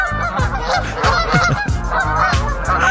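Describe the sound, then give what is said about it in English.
A flock of geese honking continuously, many overlapping nasal calls in a loud, busy chorus with no pauses across the whole stretch. “You like geese?”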